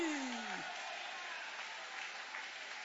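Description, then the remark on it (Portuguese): A church audience, hands raised, claps in praise of Jesus in a dense, sustained wash of applause, with a brief falling vocal tone at the start before the clapping fills the rest. “Levanta a mão e aplaude a Ele.”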